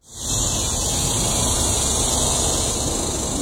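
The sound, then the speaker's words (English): Cicadas in Texas in summertime drone in a dense, continuous high-pitched buzz that swells in within the first moment and then holds steady and loud, with no voices present. “That, of course, is the rhythmic chatter of cicadas, a sound I am certainly very familiar with.”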